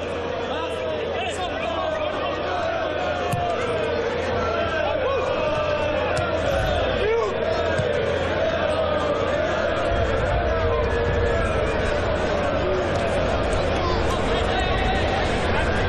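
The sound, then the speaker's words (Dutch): A large stadium crowd roars steadily, with loud booing and shrill whistles because the rest of the stadium does not join in the singing, rising over a dense, continuous wall of voices that never lets up. “En omdat de rest niet invalt, niet meedoet, komt er boegeroep en een fluitconcert.”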